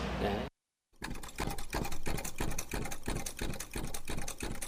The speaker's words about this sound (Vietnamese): Lớn lên trong những tiếng máy may, bên những cuộn chỉ và tấm vải